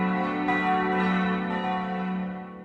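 Four Catholic church bells in Großzimmern ring together in a sustained, resonant wash of overlapping tones, with fresh strikes layering over long, shimmering decays, fairly loud and steady without any voices.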